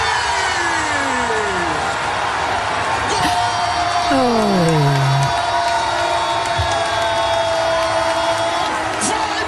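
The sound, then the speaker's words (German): A loud, steady roar of Brazil football fans celebrating a goal by Vinícius Júnior, set up by Lucas Paquetá, in a World Cup group match against Haiti, with Portuguese commentary, whoops, shouting voices and sliding whistle- or horn-like tones rising and falling over the din. “Und diese Nacht sind sie aber aus dem Jubeln nicht mehr rausgekommen.”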